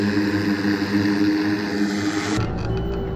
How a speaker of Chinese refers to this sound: 实兵演练阶段，几名模拟恐怖分子由俄方境内向中蒙方向逃窜越境，俄方出动直升机进行空中打击，构建火力拦阻线，将境内恐怖分子彻底分割孤立。